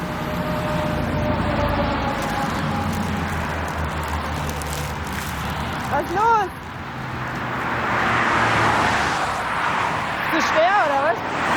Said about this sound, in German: Wir stehen an der Autobahn und der Bus fährt nicht mehr.